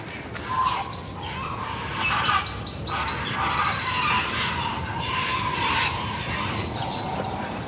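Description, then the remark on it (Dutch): Birds call at a nest in a busy mix of sounds: harsh, crow-like caws, rapid high chirps and rasping, almost growling notes overlap continuously, with no talking. “Het is een scala aan geluiden. Ja. Ja, soms grommen ze bijna, hè?”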